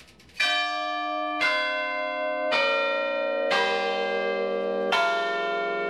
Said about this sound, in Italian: Ci si arrampica sulle varie strutture e si suonano le campane, si fa una suonata tradizionale, insomma.